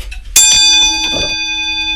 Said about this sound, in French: c'est vraiment de l'airain, c'est un alliage de métal qui vient donner la sonorité de la pendule. Et ça, c'est le carillon. Ça, c'est la cloche. Bonjour, on va écouter une petite cloche peut-être, parce que vous me faites signe.